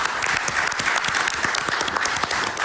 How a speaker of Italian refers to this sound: che accogliamo con un applauso, grazie.